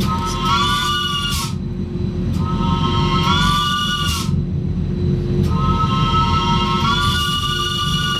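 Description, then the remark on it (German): A cog railway locomotive, on a line opened in 1893, sounds its horn three times as the driver presses it, each steady, chord-like blast lasting over a second, above a continuous low rumble of the running engine. “der drückt jetzt noch mal auf die Lokhupe.”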